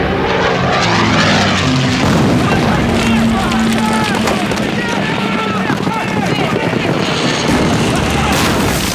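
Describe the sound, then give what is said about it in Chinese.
A propeller aircraft roars overhead just after troops have occupied Majiapo, its loud droning engine steady throughout, with a low humming pitch layered over dense rumbling noise and some scattered sharp cracks. “飞机来的真快，我们刚占领马家坡，他就到了。”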